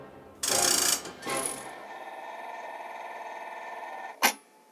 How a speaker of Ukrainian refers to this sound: Всі були у невимовному захваті від іграшкового соловейка. Йому доводилося співати і вдень, і вночі, а пісенька була така проста, що її легко запам'ятали. Та одного дня замість співу почулося якесь шипіння.